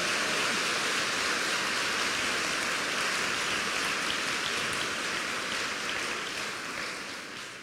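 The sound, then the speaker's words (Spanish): An audience at a religious retreat applauds God for his gifts, steadily, a dense crackling wash of many hands clapping at once that holds even throughout and tapers off slightly at the very end, with no voices over it. “Denle un aplauso a Dios por todos los dones que le ha dado Dios.”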